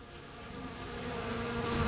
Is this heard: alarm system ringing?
no